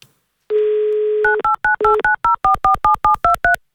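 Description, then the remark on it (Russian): A steady telephone dial tone hums for about a second, then gives way to a quick run of roughly a dozen loud touch-tone beeps as a number is dialed during an Avtoradio radio call-in game. No voices. “Мы услышали гудок вместо гимна, а так хотелось услышать именно красивый и замечательный гимн авторадио.”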